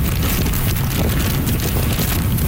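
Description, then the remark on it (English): Roaring wind of Super Typhoon Bavi on the northern tip of Taiwan batters the microphone with a constant, heavy rush, mixed with dense heavy rain noise; winds of 144 km/h gusting to nearly 200; loud and unbroken throughout, no voices. “That's how the storm sounded on the northern tip of the island. Heavy rain along with wicked winds of 144 kilometers an hour, gusting to nearly 200.”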